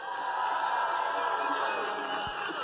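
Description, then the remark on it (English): An audience applauds steadily for Arnold, a pro-life member of Parliament, a dense wash of clapping with some cheers and whoops mixed in, holding at an even, fairly loud level throughout. “It's not easy in today's political climate, so let's give Arnold a big round of applause.”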